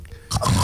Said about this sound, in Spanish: está roncando en el fondo, ¿ah? Parece león, ¿no?